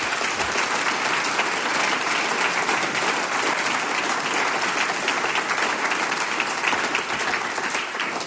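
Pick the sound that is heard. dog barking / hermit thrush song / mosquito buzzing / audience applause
audience applause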